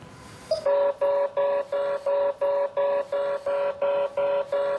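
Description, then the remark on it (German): An electronic alarm from an explosive trace detector, tested with a test pen on a sample strip, beeps in a steady, rapid rhythm, about eleven loud, even-pitched tones with short gaps between them, sounding alone after a brief bit of background noise. “Der Apparat sucht nach Sprengstoffspuren.”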